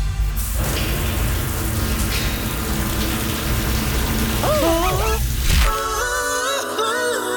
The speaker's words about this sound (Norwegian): I dag var det ikke bare én, men to. Hørte du det? Jeg har to som dusja sammen. Felles dusjing på gang her, skjønner du.